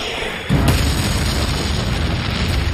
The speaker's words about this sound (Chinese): 苏军的穿甲弹含有高爆炸药，破坏力很大，可以从1000米外穿透55毫米厚的装甲，撞击时会爆炸，并从内部摧毁敌军坦克。